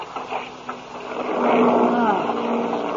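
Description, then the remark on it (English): Airplane motors running rough during a flight into a storm drone in a steady, low-pitched hum with a grinding, uneven texture, swelling louder about halfway through and holding there. No one speaks. “Hey, sounds like something's wrong. Oh? Listen to those motors.”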